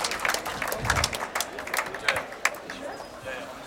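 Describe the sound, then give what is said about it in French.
An audience welcomes the performing artists with dense, steady clapping and a few shouts that continue throughout, a crowd murmur mixed in beneath the claps. “Accueillir les artistes avec des applaudissements et quelques cris.”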